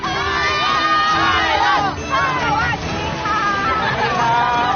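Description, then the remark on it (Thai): A large crowd of over 500,000 people cheers, applauds and shouts continuously along the route of a Buddhist procession at the Lotus Lantern Festival celebrating Vesak in South Korea, many overlapping voices, children's included, rising and falling in a loud, sustained din. “ตลอดเส้นทางที่ขบวนเคลื่อนผ่านได้รับความสนใจและเสียงปรบมือจากผู้คนกว่า 500,000 คนตลอดเส้นทางทุกคนต่างร่วมส่งรอยยิ้มและเสียงเชียร์อย่างไม่ขาดสาย”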